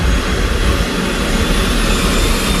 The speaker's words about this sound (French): En moins de 3 minutes, les hélices tournent à pleine vitesse. À peine le temps de regarder la destination que l'appareil est déjà dans les airs.